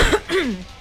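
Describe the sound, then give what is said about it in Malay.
A short cough from a person who coughs often, followed by a rough, throaty clearing sound, with no talking, over in under a second. “Aku dah biasa dah batuk-batuk ni.”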